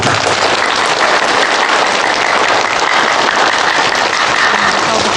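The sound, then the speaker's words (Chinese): Loud, sustained applause from a large audience at a wedding, celebrating the newly married couple: a dense wash of many hands clapping steadily for several seconds without letting up, with no voices standing out. “接下来，让我们以最热烈的掌声庆祝这对新人的结合。”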